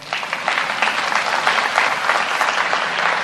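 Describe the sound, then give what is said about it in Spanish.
An audience breaks into steady applause, a dense wash of clapping hands that holds at an even, fairly loud level for a few seconds without any voices standing out. “Era para un aplauso.”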